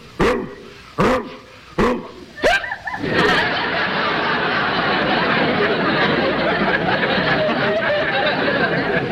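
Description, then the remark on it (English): A man imitates a Saint Bernard with four deep, booming barks at an even pace, then a loud, sustained wash of audience laughter and applause takes over. “Say, when you imitate a dog, you really get carried away, don't you?”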